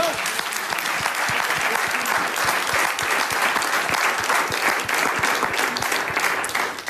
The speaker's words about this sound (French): Applaudissements.